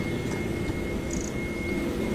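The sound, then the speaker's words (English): A steady, unbroken roar of US military jet engines whirring in the distance at the edge of RAF Fairfield, a dense low rumble with a thin high whine running through it, constant in loudness with no voices. “Again, apologies if you can hear one of these US military jets whirring its engines in the distance, but hopefully you can hear me.”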